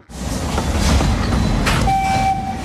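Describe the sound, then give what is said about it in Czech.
A steam train on the Osoblaha narrow-gauge railway rumbles at Slezské Rudoltice with a heavy, continuous low roar and rattling, joined near the end by a steady high-pitched whistle tone. “Na parní vlak jsem si počkal ve Slezských Rudolticích a seskakuje z něj Vít Bumba”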